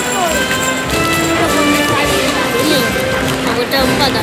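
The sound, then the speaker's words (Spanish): Horse hooves clop in an irregular patter over a dense, continuous wash of crowd noise, with indistinct voices murmuring in the background, as a horse is changed for rejoneador Ruiz Fernández at a bullfight, heard from the patio de cuadrillas. “Ha ido a cambiar el caballo a quiebro, a ver qué caballo saca ahora Ruiz Fernández.”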